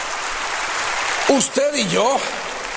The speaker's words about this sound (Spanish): Al Rey Jesucristo, dele ese aplauso a nuestro Rey poderoso Jesucristo.